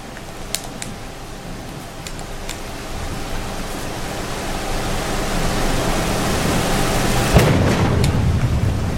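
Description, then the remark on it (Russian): A thunderstorm with a steady, dense roar of rain and wind that slowly swells, punctuated by a few sharp crackles and one loud lightning crack near the end; no one speaks. “Как молнии сбежать?”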